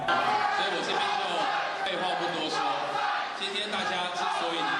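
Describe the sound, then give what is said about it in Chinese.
A crowd of many voices cheers and shouts steadily for the whole stretch, a loud, dense roar of overlapping calls with no pauses, chanting slogans as Taipei mayor Chiang Wan-an (蒋万安) arrives at a local event where DPP Taipei mayoral candidate 沈柏阳 is giving a speech. “民进党台北市长参选人沈柏阳出席地方活动致辞时，台北市长蒋万安正好到场，现场不断传出欢呼声。”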